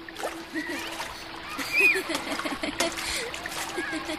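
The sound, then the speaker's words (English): Water splashes and churns in irregular bursts while children's voices and high squeals ring out, as Gobind and his friends play in a river, with a faint steady hum underneath. “Right as Shivdut opened his eyes, he saw Gobind and all his friends dressed up and ready to play in the river like always.”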